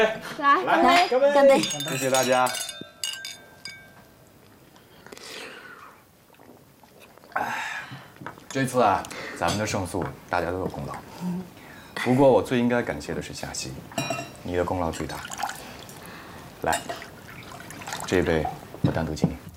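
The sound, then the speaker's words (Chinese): Glasses clink together in a toast celebrating a won lawsuit, a few bright overlapping chimes near the start, followed by lively group talking and voices chattering around a table. “大家一起干杯！来， 干杯！干杯！干杯！”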